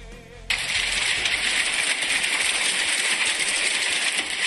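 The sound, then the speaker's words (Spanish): Hail pelting down in a dense, steady clatter of countless tiny hard impacts, a bright rattling hiss that starts abruptly after a brief quiet moment and continues unbroken, with no voices. “Me encanta el sonido del granizo.”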